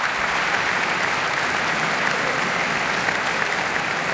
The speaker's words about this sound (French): La musicienne profite de l'acclamation du public pour se replacer et se concentrer avant d'entamer déjà la dernière œuvre du programme, tout aussi virtuose et ambivalente.